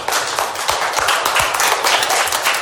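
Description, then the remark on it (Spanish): Children at the Guadalupe Victoria educational centre in Cerrito Xaltipan applaud together, a dense, steady patter of many small hands clapping at a lively, even loudness for a few seconds without a break. “Un aplauso para todos ustedes, niños.”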